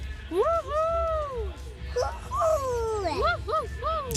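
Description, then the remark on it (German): Two girls from Oberkirch give a festival cheer, whooping together with long, swooping howl-like cries that rise and fall, followed by several shorter hoots, over a low background rumble. “Und hier kommt unser schönster Festivaljubel.”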